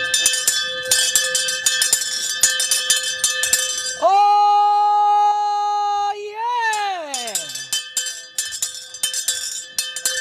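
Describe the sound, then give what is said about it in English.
A town crier's hand bell clangs rapidly and loudly, broken by a long held tone that slides downward in pitch, before the brisk ringing starts up again. “So this is my bell. I got two. This one's Bella.”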